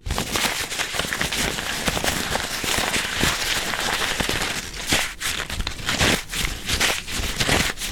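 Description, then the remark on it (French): Handmade paper is crumpled for the full eight seconds: a dense, continuous crackling and crinkling with sharper snaps scattered throughout, fairly loud and with no voices. “Et si on le froisse? C'est le tour du papier fait main.”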